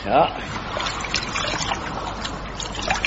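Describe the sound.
River water is scooped up by hand into a forage cap, with a short splash followed by steady trickling and dribbling over about three seconds, as murmuring voices sit faintly underneath.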